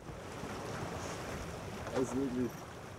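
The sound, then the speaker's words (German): Steady sea wind and the wash of waves surround a sailing boat on the Greifswalder Bodden, sailing toward Stralsund around sunrise in a light, cool sea wind. There is a constant rushing hiss throughout, with a brief low murmur like a faint voice rising briefly near the end. “wie jetzt auch jetzt, wenn ein bisschen Meerwind ist und nicht ganz so warm und morgens um 4 ungemütlich.”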